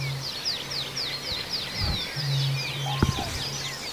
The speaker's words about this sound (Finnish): Kurki ja kaulushaikara.